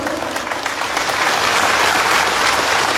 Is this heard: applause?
yes